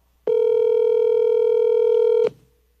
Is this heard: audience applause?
no